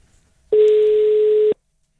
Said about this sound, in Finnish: Lähteekö hälyttää? Lähtee se hälyttää, se puhelin kun soittaa.